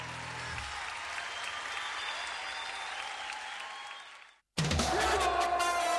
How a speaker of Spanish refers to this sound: Nuevamente los aplausos